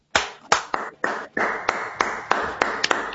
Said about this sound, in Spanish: Me sumo a los aplausos